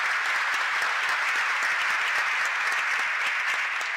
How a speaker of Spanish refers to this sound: Gracias, gracias, gracias a todos, gracias al coro que lo hizo muy lindo, un aplauso para el coro.